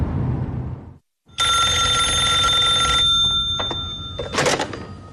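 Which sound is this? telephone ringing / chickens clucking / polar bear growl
telephone ringing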